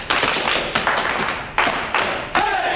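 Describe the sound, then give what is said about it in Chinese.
A short burst of applause from several people, a dense crackle of clapping hands that swells in a few loud waves over nearly three seconds, with no voices. “哎，给张彪组长鼓掌！”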